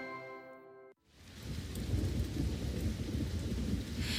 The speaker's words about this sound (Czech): Venku pršelo